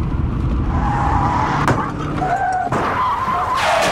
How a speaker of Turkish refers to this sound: Az önce biri takip mesafesini korumadığı için önündeki araca çarpan birine çarptı ve kemer takmadığı için yaralandı.